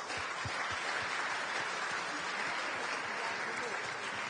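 A crowd applauds steadily, dense overlapping claps forming a continuous wash of sound that stays loud and even throughout, with no voices standing out.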